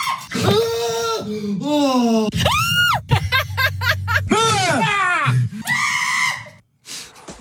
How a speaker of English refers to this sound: I need you to have a listen to the example of screams that I put together, because they are actually genuine jump scare screams from people, all right?